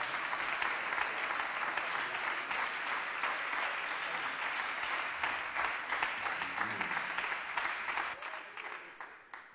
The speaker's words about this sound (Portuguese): As palmas são fortes para Jesus.